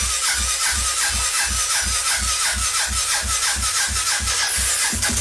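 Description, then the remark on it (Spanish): A brush cutter's small engine sputters loudly in a rough, steady chugging rhythm of quick repeated pulses, failing to start and never catching into a smooth run. No one speaks. “La guadaña no prende, se ponen todos rebeldes.”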